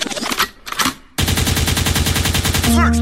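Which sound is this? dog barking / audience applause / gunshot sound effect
gunshot sound effect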